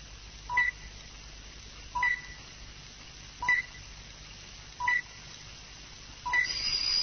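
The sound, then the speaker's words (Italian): A telephone rings with short electronic tone bursts, five of them repeating at a steady pace about every second and a half, clear over a quiet hiss with no talking. “Rispondi al telefono. Perché è una diavoleria, mi mette sempre tanta paura.”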